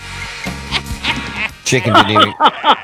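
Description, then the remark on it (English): A chicken clucks in a string of short, throaty bursts, starting softly and growing louder and more rapid toward the end. “The chicken didn't even get it.”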